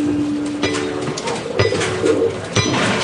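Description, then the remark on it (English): Pigeons coo softly in low, throaty murmurs over a busy city background, with a steady hum and occasional clatter; no one speaks. “New York City has an estimated 8.1 million people and 7 million pigeons.”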